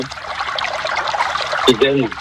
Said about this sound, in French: Mais non, l'eau, c'est bien de l'entendre. Ah oui, tu as raison, mais c'est bien d'entendre l'eau.